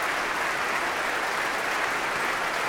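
Steady, dense applause with many overlapping claps blending into a continuous rush of sound, holding an even loudness throughout with no voices heard, as chief conductor Thierry Fischer applauds his orchestra.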